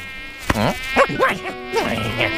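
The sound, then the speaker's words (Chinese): A thin, high-pitched mosquito whine buzzes, wavering up and down in pitch as it darts past, with no talking. “对，狐狸先生，你可是在那个球门前守住过100个球，连只蚊子也别想从你面前飞过。”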